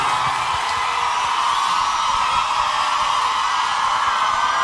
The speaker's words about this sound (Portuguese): Quero pedir uma salva de palmas pro Cristiano e pra Alana, por favor.